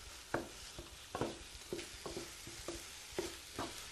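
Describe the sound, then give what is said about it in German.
Five eggs beaten with a little milk and seasoning sizzle steadily in a pan while a utensil scrapes and stirs them in a loose rhythm of about ten strokes, moderately quiet, with no talking. “Und das kommt dann bei mir in die Pfanne.”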